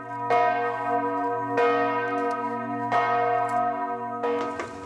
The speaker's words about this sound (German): Der Weg zu den großen Glocken ist abenteuerlich. Wer zur vollen Stunde hier ist, kriegt ordentlich etwas auf die Ohren. Nach Tageszeit oder an Festtagen schwingen die Glocken unterschiedlich, zum Teil auch mit Glockenspiel.